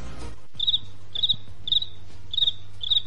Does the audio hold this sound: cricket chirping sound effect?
yes